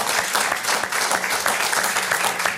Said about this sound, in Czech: Táta, promiň, už bude 96 let, teď mu bude 97. To je na aplaus. Ať nás poslouchá.